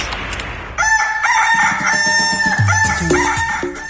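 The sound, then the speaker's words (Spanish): A rooster crows loudly, one long drawn-out cock-a-doodle-doo with bright harmonic tones, following a brief burst of noise at the start. “Estás muy lejos del gallo de la radio y necesitamos escuchar las tendencias.”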